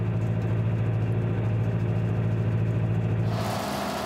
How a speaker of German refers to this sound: Mit dem Traktor verteilt er Dünger auf dem Acker. Kleine Kügelchen, die viele wichtige Nährstoffe enthalten für die Pflanzen, die hier wachsen sollen.